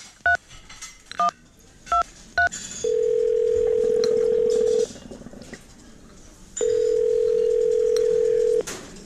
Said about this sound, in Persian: سلام آقا، من میتونم یه تلفن بزنم؟ آره آره میتونی، بیا از این تلفن شماره تو بگیر.